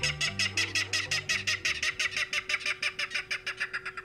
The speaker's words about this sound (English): In a salt marsh near San Francisco, a loud clatter erupts from the dense vegetation. These jolting notes, like a small engine cranking up, are the voice of a Ridgeway's rail.